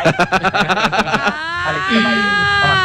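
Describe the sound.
A person on the radio station Tropicana imitates a horse's neigh: a loud, rapid quavering whinny that stretches into a long, wavering cry gradually dropping in pitch.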